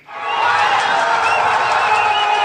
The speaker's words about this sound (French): Espoir prudent à Dakar hier soir, mais de la joie tout de même dans la fan zone de la Corniche